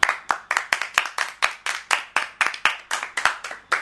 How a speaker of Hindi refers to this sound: फिर से सब जोरदार ताली बजाएंगे।